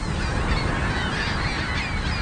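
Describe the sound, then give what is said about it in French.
A dense, continuous chorus of gulls calling as they take flight from a roof, scared off by the firing of a pyrotechnic pistol. Many overlapping harsh cries over a steady low rumble, with no one speaking. “Mais sans autre intervention, les goélands retournent à leur nid quelques secondes seulement après le déclenchement du pistolet pyrotechnique.”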